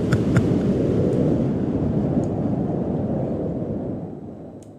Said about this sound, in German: So, jetzt sind wir einmal alle durchgefrostet und wem immer noch warm ist, hier ein bisschen kalter, akustischer Wind für euch.